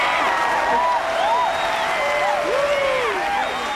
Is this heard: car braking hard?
no